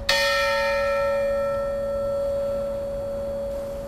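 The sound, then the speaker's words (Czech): A large bell in the tower of the relocated church in Most is struck once and rings out loudly, its rich metallic tone slowly fading into a long, steady hum with no voices present. “Dnešní pořad Historie Plus, ve kterém jste mohli slyšet nejen pamětníky přesunu mosteckého kostela, ale také nahrávky zvonů z jeho věže”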